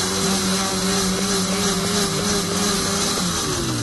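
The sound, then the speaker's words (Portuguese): A blender whirs steadily as grated coconut is quickly blended into the mixture, its motor holding a loud, continuous hum with a slight grinding churn, running without pause for the whole stretch. “Acrescente o coco ralado e bata rapidamente até misturar novamente. Liquidificador.”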